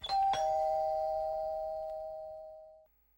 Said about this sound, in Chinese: 晚上我找到李局长的家，看看四周无人，赶紧按门铃。